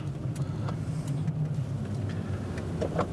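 A runway friction-measuring vehicle's engine hums steadily, a low continuous drone with faint mechanical clicks and rattles as it slowly turns around on an airport runway to measure it in the other direction; no one speaks.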